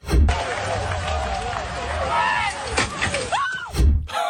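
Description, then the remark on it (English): A chaotic pile-up as about 12 cyclists go over the front of a woman's mobility scooter beside a cycling track: heavy thuds at the start and end, a steady rush of clattering noise and crowd voices, and a brief high squeal near the end. “About 12 cyclists went over the front of her mobility scooter.”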